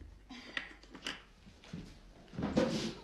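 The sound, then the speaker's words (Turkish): A drawer of an old wooden desk with many drawers is pulled open: a few light knocks and scrapes, then a longer rough sliding rasp near the end. Fairly quiet, with no one talking. “Öyle çok çekmecesi var ki. Bak, bak içine.”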